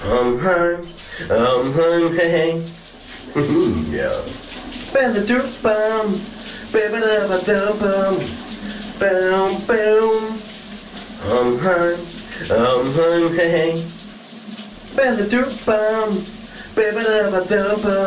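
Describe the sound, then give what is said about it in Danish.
A shower runs steadily with a constant hiss of water while a man sings a summer hit song by a Danish band over it, the voice echoing slightly. “han er endnu en gang hoppet under bruseren for at hente dig i, hvad det er for et hit, der er på vej.”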